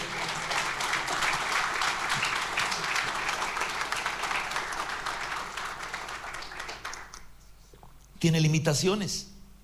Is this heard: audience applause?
yes